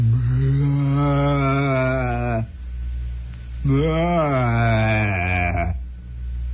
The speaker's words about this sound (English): A cow somewhere off in the distance.